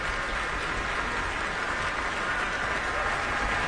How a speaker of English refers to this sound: She's invited the orchestra to rise and is gesturing towards each section, redirecting the applause toward the orchestra.